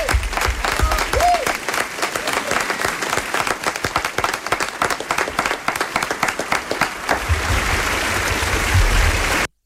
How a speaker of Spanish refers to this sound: Un aplauso también para la voz de Winnie the Pooh en España, que es la voz que acompañó al personaje del osito amarillo durante décadas y que pertenecía al actor Tony Canal, que por desgracia ha fallecido hace apenas unos días, el 25 de septiembre.